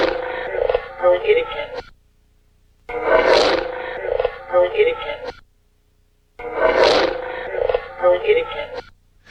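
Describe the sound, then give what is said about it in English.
An EVP recording: a rough, raspy anomalous growl, not heard at the time of recording, followed immediately by a woman's voice, played three times in a row with brief silent gaps between each loud, noisy burst. “But you'll hear a growling and then a woman's voice directly after.”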